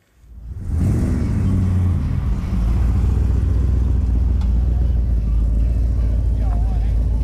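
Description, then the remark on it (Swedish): A deep engine rumble fades in and holds steady, loud, as old classic cars idle and roll past, cruising at the Old Time Car Show on Åland under threatening rain, with a brief rising whine from a revving motor near the end. “Trots hotande regn genomfördes Old Time Car Show med utställning och cruising.”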